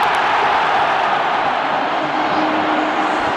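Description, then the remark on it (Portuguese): A huge stadium crowd roars in a loud, sustained wall of cheering as Flaco Lopes puts the ball in after a cross, a goal then ruled out for offside; it holds steady for a few seconds, with no one speaking over it. “O grito da torcida veio, mas o impedimento foi pego do Flaco Lopes.”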